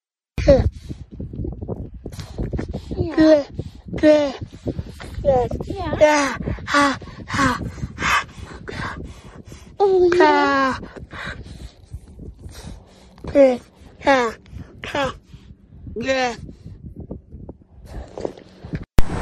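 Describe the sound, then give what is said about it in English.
A captive beluga whale in California makes a string of human-like, babbling vocalizations, loud warbling calls that swoop up and down in pitch, broken by short pauses and a few squeaky rising whistles. “Well, we have a surprise for animal researchers in California, a captive beluga whale that, get this, sounded like a human.”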